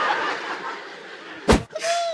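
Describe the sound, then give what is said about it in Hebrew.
A single sharp, explosive sneeze bursts out from somewhere in the audience, cutting briefly through a low murmur of crowd chatter and laughter. “היה אפצ'י, רבותיי, אני שמעתי אפצ'י.”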